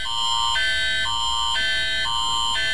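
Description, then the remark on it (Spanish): A loud earthquake early warning alert sounding on mobile phones alternates between two harsh, buzzy pitches about every half second, a steady siren-like pattern with no voices over it. “¿Confías en que la alerta, esa alerta de sismo que se está escuchando ahí en los celulares”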